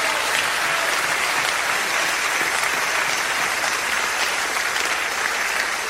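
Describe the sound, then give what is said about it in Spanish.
An audience gives a loud applause to God, clapping steadily for six seconds, a dense, even wash of many hands with no pauses and no voices standing out. “Vamos a dar un aplauso fuerte a Dios.”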